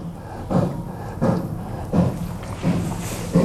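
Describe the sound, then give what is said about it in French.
A stag in a forest gives a run of five low, throaty grunts while mating, evenly spaced under a second apart, each a short rough huff building toward a bellow, though not the true rutting bellow, with no voices present. “C'est un cerf qui s'apprête à bramer.”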